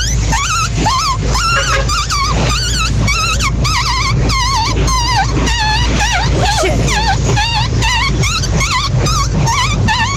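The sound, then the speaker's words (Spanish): A voice imitates a newborn puppy with a rapid string of high, warbling squeaks and whimpers, loud, continuing steadily over a low background rumble. “Mi talento oculto, perrito recién nacido.”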